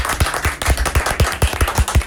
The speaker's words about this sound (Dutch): Elke keer als je je naam hoort en het applaus is, wil ik thuis ook. Wij klappen graag voor onze gasten, dat vinden we leuk.